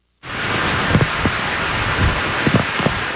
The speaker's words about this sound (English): The storm named Lala strengthened into a Category 1 hurricane as it approached the island with drenching rains and gale-force winds.